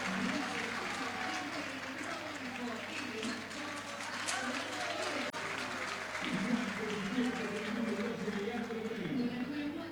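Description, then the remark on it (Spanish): A large crowd at Boca's stadium applauds player Velasco during the pre-match warm-up against Gimnasia de Mendoza, a steady, dense wash of clapping that lasts throughout, loud and unbroken, with voices talking over it. “Todos aplaudidos, los de Boca hasta acá.”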